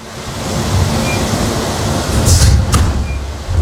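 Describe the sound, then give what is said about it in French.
The cockpit door of an airliner in flight swings shut with a brief scrape and a sharp latch click as the captain leaves the cockpit, heard over a constant low roar of background noise, like a rushing engine hum. No one speaks. “Et le bruit d'une porte qui se ferme.”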